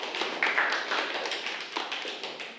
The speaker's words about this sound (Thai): ขอบคุณมากๆนะครับสำหรับประสบการณ์ในวันนี้นะครับขอเสียงปรบมือให้กับเพื่อนหน่อย